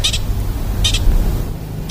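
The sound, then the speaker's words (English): A pika's alarm call: sharp, high-pitched squeaky chirps, each a quick double note, repeating about once a second over a low steady rumble. No one speaks. “So I'm not an expert, but my understanding of that call, the kind of chirping call, is that it can be an alarm call, or it could be a mating call.”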